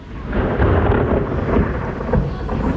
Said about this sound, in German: Es hat nämlich angefangen zu gewittern, bei euch ja vielleicht auch.